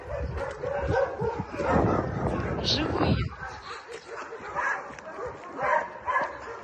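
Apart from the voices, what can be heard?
dogs barking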